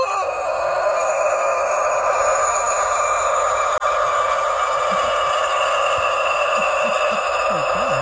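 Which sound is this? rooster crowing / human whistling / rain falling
rooster crowing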